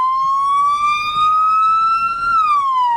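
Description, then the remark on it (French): An emergency vehicle siren wails loudly as rescue services arrive at a head-on car crash, its pitch slowly rising then dropping in a long sweep, over a low rumble of engine or traffic noise. “Les secours sont arrivés.”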